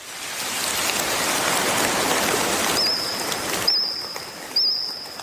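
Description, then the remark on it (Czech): A reconstructed song of Jurassic katydid- and cricket-like insects, based on 165-million-year-old fossils with complete wings from a site in China: a high, pure whistling tone that begins with a quick warble, repeating in three long sustained bursts over a steady rain-like hiss. No talking. “Mezinárodní tým vědců zrekonstruoval zvuky jurského hmyzu, tedy prapříbuzných našich kobylek a cvrčků. Jurský cvrkot podle nové studie mohl znít takhle.”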